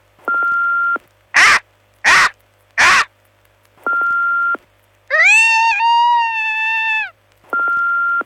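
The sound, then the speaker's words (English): Voices imitating the call of Max the Bald Eagle from Marathon: three short, harsh squawks, then one long, strained, wavering screech. Loud, broken up by repeated electronic beep tones. “We asked people if they could do an impression of me.”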